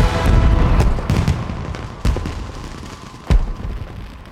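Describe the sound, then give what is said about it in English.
Fireworks boom and crackle overhead against a steady low rumble, with several soft pops early on and two sharper, louder bursts standing out later. No voices are present. “Now fireworks burst in the sky.”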